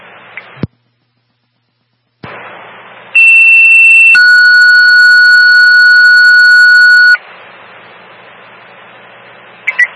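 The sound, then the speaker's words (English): Two loud, steady electronic dispatch alert tones in sequence, sent for an elevator rescue call in Derby: a higher pitch for about a second followed by a lower, longer tone of about three seconds, set between stretches of radio hiss and static. “Stand by for tones.”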